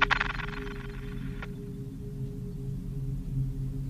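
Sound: phone ringing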